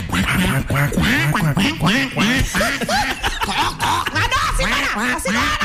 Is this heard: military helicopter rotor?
no